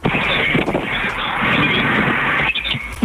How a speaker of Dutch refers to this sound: Hallo, hoe is het daar in de wind?